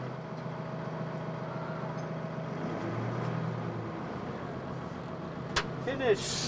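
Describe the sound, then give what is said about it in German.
A forklift's engine drones steadily as it pushes a heavy truck, whose tractor unit no longer rolls, onto a low-loader trailer, its low rumble shifting in pitch, with a sharp metallic clank and a brief squeal near the end. “Der LKW muss jetzt auf den Tieflader. Da die Zugmaschine nicht mehr rollt, hilft Ralf mit seinem Gabelstapler.”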